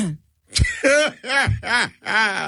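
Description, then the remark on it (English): Someone clears their throat loudly: a short harsh burst, then four voiced, rasping rises and falls in quick succession with no speech. “Let me clear my throat.”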